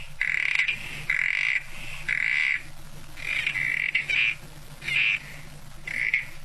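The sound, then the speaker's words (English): A southern corroboree frog calls repeatedly at Kosciuszko National Park near the New South Wales-Victorian border, a series of short, grating squelch-like notes roughly once a second, fairly loud over a low steady background hum, with no voices. “Yeah, it's a frog, but it is a special frog.”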